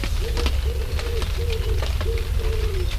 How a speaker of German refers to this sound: Zum Trost höre ich das Vogelgezwitscher, die Vögel, die sich in den frischen Pfützen ein Bad gönnen.